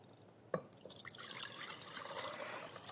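About four cups of water pour steadily into a pot on a stove, starting with a sharp splash and then a continuous gurgling, splashing flow that stays moderately loud for the rest of the moment.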